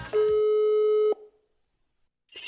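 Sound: telephone ringing tone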